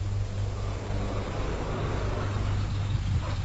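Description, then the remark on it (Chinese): A bus pulls into a station, its engine a steady low rumble with a broad hiss of road noise, constant for a few seconds with no voices. “汽车进站了，打断了尚琴的回忆与思考”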